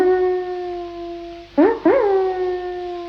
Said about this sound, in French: Écoutez ce chien qui hurle à la lune.